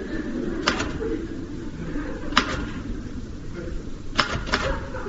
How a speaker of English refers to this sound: Haven't you finished typing out those invitations yet? Don't rush me. Might help if you took the gloves off. My hands are cold. Anyway, what's wrong with typing in gloves? I like typing in gloves.